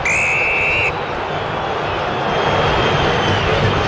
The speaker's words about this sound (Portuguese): Vaias da Fiel para a atuação corintiana nessa primeira etapa.